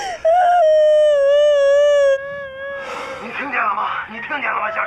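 A woman lets out a long, loud, high-pitched wail that holds steady for about two seconds, then breaks into rougher, sobbing vocal sounds close to the listener.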